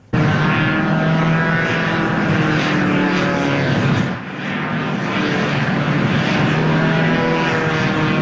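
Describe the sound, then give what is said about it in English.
A paramotor, a pilot with a parachute and a giant fan strapped to his back performing a stunt around the CN Tower, drones loudly and steadily with a buzzing propeller whine, dipping briefly around the midpoint before surging again, as if passing overhead. No voices. “Equipped with a parachute and a giant fan strapped to his back, he flipped and twirled through the air before safely landing on the ground”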